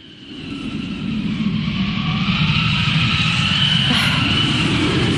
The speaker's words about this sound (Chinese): 又刮大风了，这今天咋了？大风天气这么多。